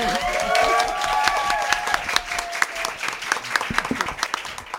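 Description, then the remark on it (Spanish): An audience at a gathering in Quebrada del Ají applauds a speaker with dense, steady clapping, joined at the start by a few high cheers and whistles, then thinning into scattered claps that fade out. “Un aplauso”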